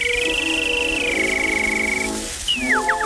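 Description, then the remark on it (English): Charles Kellogg imitates birdsong with his throat on a 1916 recording with an orchestra: a long, high, wavering whistled note that glides slightly downward, then a brief pause and three quick falling chirps, over a steady hiss. “He was famous for his ability to imitate all kinds of birds, larks and linnets, mockingbirds and nightingales.”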